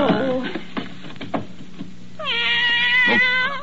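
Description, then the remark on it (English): A cat found in a desk with a blanket lets out a long, drawn-out, loud meow, following a brief stretch of muffled rustling and thumps. “A cat in my desk.”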